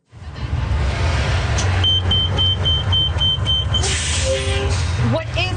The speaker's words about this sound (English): Taking Calgary Transit here. I noticed you're at a max stop. We're at a max stop here. The buses come constantly, but the stops can be a little unsettling at times, right? Especially late at night.